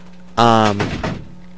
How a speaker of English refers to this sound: Wait, close the door. Ooh, close the door. Echoes.